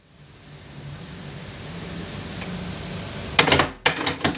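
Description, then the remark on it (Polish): Steady tape hiss runs for a few seconds, then a cluster of sharp mechanical clicks and clunks as a cassette deck's auto-reverse flips the tape from side A to side B, with no talking. “Tak, włączyła się i powinna się zaraz przełączyć na B.”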